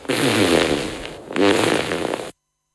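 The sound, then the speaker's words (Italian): Two loud fart sounds in quick succession, each a buzzy, rumbling burst lasting about a second, separated by a brief gap and ending abruptly in silence. “Quando il culo è avvezzo al peto, non si può tenerlo cheto.”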